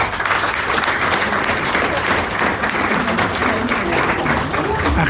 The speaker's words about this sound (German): Na, da gibt es natürlich erstmal einen riesigen Applaus. Das freut natürlich alle Vereine, die da waren.